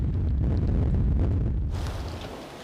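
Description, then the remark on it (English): Storm force 8 wind gusts at sea on the North Sea near the German port of Emden roar in a deep, continuous rumble that buffets steadily, then ease slightly as a brighter hiss rises toward the end. No voices are heard. “The winds have already reached storm force 8.”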